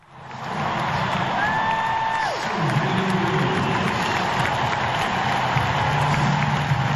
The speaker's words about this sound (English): The sound of cheers there, recorded on my phone back in September 2022 as Serena Williams, one of the tennis greats, lost at the US Open in New York, playing what we thought back then was the last match of her career.